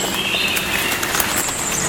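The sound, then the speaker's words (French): Steady rain patters continuously on the leaves of a forest canopy, a dense, even spatter of countless small drops with a faint high-pitched drone running beneath it. No voices are heard. “la pluie.”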